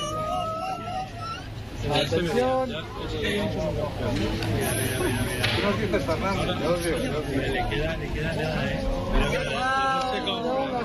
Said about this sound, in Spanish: Así hemos despedido la totalidad en el Observatorio de Yebes entre aplausos, lágrimas y abrazos.